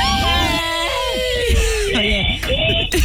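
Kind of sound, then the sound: human body sound, loud human scream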